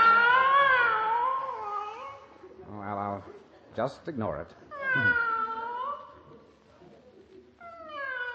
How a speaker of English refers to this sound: Now, why does that fool cat keep screaming its head off?